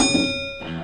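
A single bell rings with a bright, sustained metallic tone, its shimmering overtones holding steady for under a second against a low background rumble.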